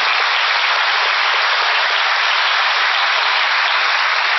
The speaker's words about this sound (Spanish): Gracias. Un aplauso para el artista.